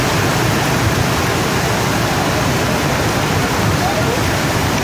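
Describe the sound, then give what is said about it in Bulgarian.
Floodwater from heavy rain rushes past in a loud, steady roar, unbroken for the whole stretch, a dense wash of churning water with no pauses. “Водата достигна критични нива и в част от подлезите.”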